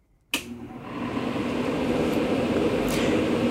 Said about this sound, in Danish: Fordi ja, det er altså lyden af en airconditioning, eller på dansk klimaregulering. Så vi lige kan få temperaturen et par grader ned